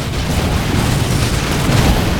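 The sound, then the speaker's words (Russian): Artillery fire rolls on as a steady, dense rumble of deep booms, heavy in the low end and merging into one continuous roar with no quiet gaps. “По врагам социалистического отечества огонь!”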